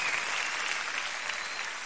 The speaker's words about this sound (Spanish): Fuerte aplauso acá.